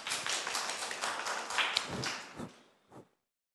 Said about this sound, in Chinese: 我们热烈的掌声欢迎